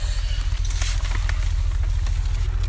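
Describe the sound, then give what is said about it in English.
Rain patters steadily with scattered sharper drops over a constant low rumble, loud, with no one speaking. “You're, of course, welcome to move under the roof if you feel it's raining too much.”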